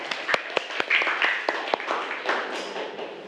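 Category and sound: crowd, class applauding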